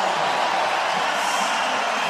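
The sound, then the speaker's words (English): A dense, steady roar of an arena crowd cheering after Tomas Hurdle's power play goal ties the playoff game at one, a loud unbroken wash of voices that holds at the same level for the whole stretch with no clear individual words. “Power play goal, 2:37, and listen to the crowd as this game is tied up at one.”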